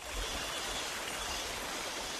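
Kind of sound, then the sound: nature, small stream babbling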